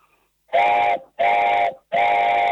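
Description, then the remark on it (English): A wooden train whistle, carved from a single piece of pine about an inch square with one drilled hole, is blown three times in steady succession, each blast about half a second long with a breathy, chord-like hoot, loud with short gaps between. “So close your eyes, and I'm going to blow it now, and then I want you to visualise a train going in Canada around the Rockies.”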